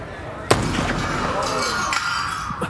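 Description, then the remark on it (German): A single sharp gunshot cracks out, hitting the glass of a display case, followed by a sustained spray of shattering glass tinkling and crunching, with a smaller impact near the end over a noisy background of gathered guests. “Der erste Schuss hat nur das Glas der Vitrine dort getroffen.”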